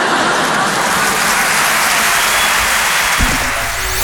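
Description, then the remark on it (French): A crowd applauds loudly and steadily, a dense wash of clapping that fills the whole stretch without letting up, with no voices coming through. “Non, non, n'applaudis pas.”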